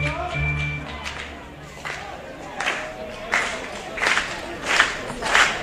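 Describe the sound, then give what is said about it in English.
A stadium crowd at a baseball game builds into a rhythmic chant, raised whenever a Troy pitcher has two strikes in the count, with steady, evenly spaced bursts of voices and claps that grow louder toward the end. “Anytime two strikes in the count for a Troy pitcher, the chant comes up from the crowd.”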